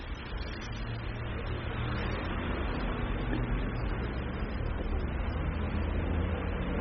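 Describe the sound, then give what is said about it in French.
A number 63 city bus rumbles by on the boulevard Saint-Germain, its deep engine noise steady, blending with constant traffic hum and no voices. “Passe un autobus 63”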